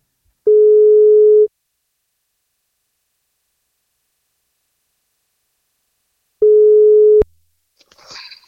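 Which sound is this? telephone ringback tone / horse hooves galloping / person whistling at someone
telephone ringback tone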